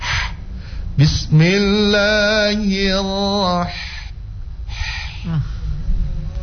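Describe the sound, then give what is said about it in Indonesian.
A voice demonstrates a breathy, airy exhale, then holds a long steady voiced tone before trailing off into more soft breathy exhalations, moderately loud, showing how the Arabic letter ha is pronounced as breath rather than voice in reciting Bismillahirrahmanirrahim. “Bukan, tapi cuma suara, cuma nafas.”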